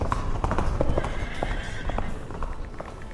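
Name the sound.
horse galloping hooves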